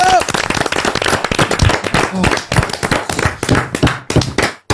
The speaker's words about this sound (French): On vous applaudit et on vous embrasse. Bravo.